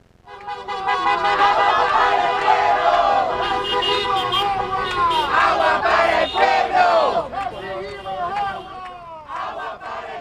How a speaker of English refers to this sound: Listen to all of the cars honking in support of a protest that I went to last night, where people were shouting, "Water for the people."